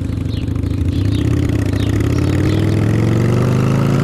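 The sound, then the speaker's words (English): A motorcycle engine roars steadily for about four seconds as it speeds along a curving road, its low growl climbing gradually in pitch as it revs and accelerates, loud throughout, with no talking. “He thinks he's invincible on that motorcycle.”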